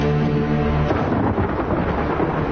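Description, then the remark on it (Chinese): A steady low droning tone gives way to a loud, broad rumble of thunder, heralding coming rain, that rolls on without a break until the end, with no voices. “要下雨了，今天应该没什么事了”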